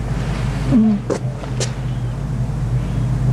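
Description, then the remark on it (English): A generator or sound system roars steadily in the background, a constant low droning hum with no breaks. A short faint call and a couple of brief sharp ticks rise briefly above it early on. “The roaring in the back is, that's the generator or some sound system.”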